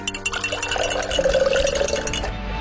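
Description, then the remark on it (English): Lemonade pours steadily into a glass for a couple of seconds, the gurgling pitch rising as it fills, with a faint clink near the start. Clear, no voices. “Listo, prepárate una limonada para bajar el calor.”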